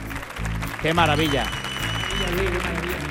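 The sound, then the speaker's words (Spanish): A studio audience applauds steadily for about three seconds, a dense, even wash of clapping with a brief pitched voice or cheer rising above it near the start, celebrating the show's 195th programme. “Un número yo creo que importante, un número con premio que se merece este aplauso de nuestro maravilloso público.”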